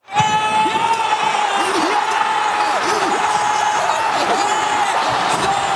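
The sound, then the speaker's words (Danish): A large crowd at a big-screen football viewing event in Oslo roars and cheers after a Norwegian goal against England, without pause, a dense, loud wall of shouting with a wavering whistle or horn-like tone sounding throughout. “Det begyndte ellers så godt med et norsk drømmemål, som fik Oslo til at gå amok til et storskærmsarrangement.”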